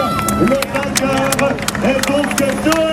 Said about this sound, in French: Deuxième passage, la scène du Noise. Alors c'est reparti pour des cris jusqu'à l'arrivée à Dun-le-Palestel.